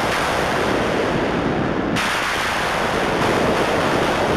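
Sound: synthesized thunder sounds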